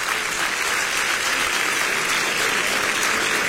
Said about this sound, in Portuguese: Só aqueles que têm esta paz, pode bater mais palmas, dá glórias.